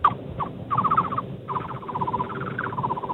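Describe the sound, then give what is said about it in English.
A man whistles an imitation of a thrush-like bird call: quick, warbling trills of bright repeated notes in several bursts, steady over a low background hum. “It could be like a thrush, if I had to guess.”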